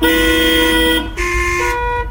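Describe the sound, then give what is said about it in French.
Car horns honk loudly and continuously in a car-horn symphony, several horn tones overlapping and shifting pitch as they sound together in a brief, blaring chorus with no talking. “c'est simple, suffit juste de jouer avec ton klaxon.”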